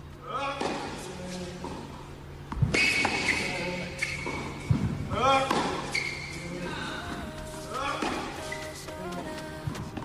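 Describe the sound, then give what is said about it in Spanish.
Sharp, punchy tennis ball strikes ring out a few times at irregular intervals as tennis player Carlos Alcaraz trains again after his recovery, mixed with high squeaky chirps and a steady background murmur of voices. “Sería de loco, pero habrá gente que habrá reconocido que este es Carlos Alcaraz, que ha vuelto a entrenar ya pensando, después de su recuperación, poco a poco, a ver si puede volver a competir.”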